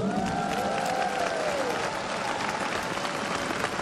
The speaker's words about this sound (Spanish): Y por favor, a los amigos y amigas que nos están acompañando a través de la radio y la televisión en muchos países, mandémosles un fuerte aplauso.